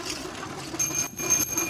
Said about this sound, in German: Ja, es hat auch eine Klingel dran, wir hören das. Ein wundervolles... Wundervolles Bild. Zwei Männer in orangen Westen radeln in den Sonnenaufgang.